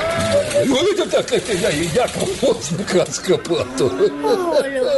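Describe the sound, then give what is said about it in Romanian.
A hen that was for sale cackles and squawks excitedly as it flies off toward Humulești, in a rapid, continuous run of loud clucks with a busy, chattering texture throughout. “Ia uite la găinușă. Ce frumos zboară spre Humulești.”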